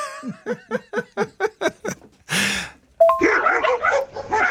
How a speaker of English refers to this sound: The dogs are going off. It's got to be kennels, something like that,